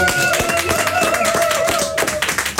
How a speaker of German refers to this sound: Wir geben mal einen motivierenden Applaus bitte